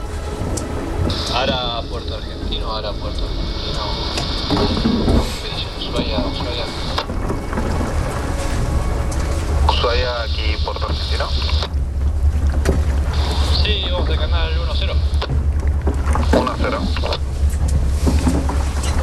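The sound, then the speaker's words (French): A sailboat pushes steadily through the water in the Pelletier Channel in the morning, in falling snow and mist under a low, overcast sky, with huge glaciers on either side; a constant low rumble and hiss of wind and spray. Muffled voices come and go faintly in the background. “À bord du Wye, nous avançons ce matin dans un paysage brumeux, fantomatique. Il neige.”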